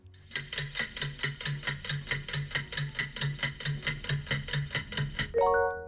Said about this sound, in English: Can we get a timer for our listeners, please?